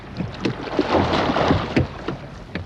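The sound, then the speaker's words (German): Oars pull through water in a steady rowing rhythm as a rower pushes the water toward the back of the boat to move it forward, splashing and swishing, with rushing water and light wind noise throughout and no one speaking. “Mit der Kraft aus seinen Armen zieht er das Ruder im Wasser genau in die Richtung, in die er nicht fahren will.”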